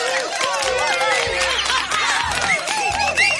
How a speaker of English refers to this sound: It is going to be a little bit cooler today. So we'll welcome that with a big round of applause.